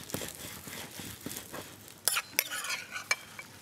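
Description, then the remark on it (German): Food is scooped from a hot pan onto a plate, with soft scraping and a few sharp utensil clinks against the dish over a faint background sizzle. No one speaks. “Das kommt jetzt alles auf den Teller drauf.”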